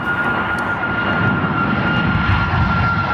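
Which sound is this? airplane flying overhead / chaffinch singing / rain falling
airplane flying overhead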